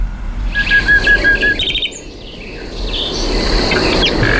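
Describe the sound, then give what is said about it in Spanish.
A common nightingale sings alone at night, a run of rapid repeated whistled notes followed by varied trills and chirps, clear over a steady background hiss of night ambience. “Esto es un ruiseñor común en plena expansión nocturna.”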